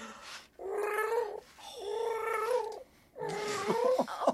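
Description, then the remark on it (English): A lion's roar, performed as three drawn-out, wavering yowls with brief pauses between them. The cries are loud, fairly high-pitched and cat-like, with nobody speaking over them. “Oh, a roar. Well roared, lion.”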